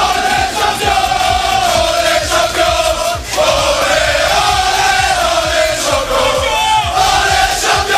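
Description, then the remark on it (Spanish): A loud group of Paris Saint-Germain football players chanting and shouting together in unison in their locker room, celebrating minutes after beating Arsenal in a 4-3 penalty shootout, their voices ringing out for several seconds without pause. “Así lo celebraban minutos más tarde en el vestuario.”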